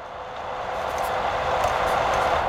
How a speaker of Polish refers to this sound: Z tyłu. I z przodu. Czy z tyłu, czy z przodu mam wrażenie, że ten szum i ten hałas jest dość równy. Aha, w przypadku tego wentylatora.